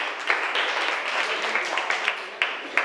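crowd, students clapping hands

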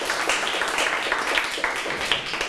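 crowd, classroom clapping

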